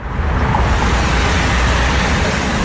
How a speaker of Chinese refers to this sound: 唐瑞高速是云南全省车流量最大的通道之一，今天迎来返程高峰，车流量持续高位运行。